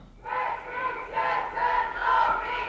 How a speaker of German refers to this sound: Wir sind vor Ort da an der feministischen Demonstration heute am 13. Juni. Wir haben mittlerweile die Steinberggasse erreicht und nehmen da den Raum in den Demoszug.